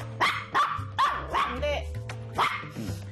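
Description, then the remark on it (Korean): A dog barks repeatedly, about six sharp, loud barks in an uneven rhythm, with a low steady hum running underneath. “짖는 게 아니고, 아, 앉으면 나 그냥 보상받는구나. 짖었을 때 오히려 무시.”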